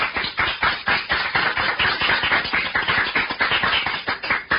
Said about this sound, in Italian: Applauso.